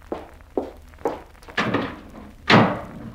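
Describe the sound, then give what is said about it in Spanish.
Several quick footsteps approach, then a door slams shut with a loud, heavy bang that rings out briefly at the end as a man walks out. No one speaks. “Y papá salió dando un portazo.”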